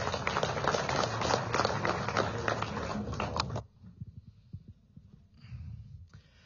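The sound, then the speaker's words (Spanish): Loud, dense applause from a crowd welcoming the president of the Mancomunidad de Municipios del Trópico de Cochabamba, mayor of Puerto Villarroel, fills the first few seconds with a steady crackle of many hands, then cuts off sharply, leaving quieter low murmuring and scattered knocks. “Recibamos con ese fuerte aplauso al hermano Limber Cosío.”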